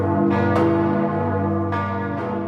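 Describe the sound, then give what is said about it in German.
The three ringable bells of Magdeburg Cathedral in Germany ring together, their deep, sustained tones overlapping in a rich, continuous resonance with periodic fresh strikes, loud with no voices present. “Im Moment haben nur 3-läutefähige Glocken. Mehr ist nicht. Das ist die Glockenkultur am Magdeburger Dom, die etwas bescheiden ist, um es vorsichtig zu formulieren.”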